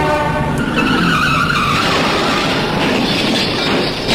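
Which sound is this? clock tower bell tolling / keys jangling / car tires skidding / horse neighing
car tires skidding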